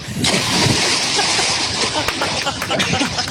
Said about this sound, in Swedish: Där kan vi snacka plums! Cowabunga ner i Ljusnan som väl egentligen kanske är en älv om vi ska vara helt riktiga att se här på kartan nu.